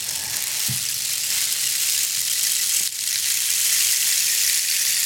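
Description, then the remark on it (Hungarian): A rain stick pours out a steady, dense rustling hiss like falling rain, bright and continuous for several seconds, with a brief dip partway through and no voices. “Hát most random mesét azért nem fogok előadni, de amikor nyilván esik az eső, akkor...”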